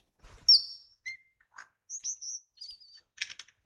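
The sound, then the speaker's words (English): A lyrebird in Australia mimics small, noisy parrots in a quick, varied string of sharp high whistles, chirps and harsh screechy bursts, clear, with brief gaps between calls and no voices. “That rapid-fire screeching sound. The lyrebird mimicking parrots.”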